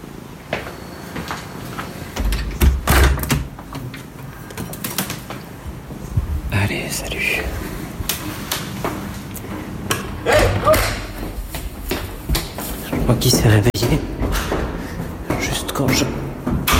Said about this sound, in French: Porte.